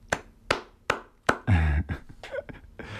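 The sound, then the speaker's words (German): On the radio show Stereofonico, a few slow, evenly spaced hand claps ring out, followed by a brief louder burst and some scattered lighter claps trailing off. “Also einen kleinen Applaus.”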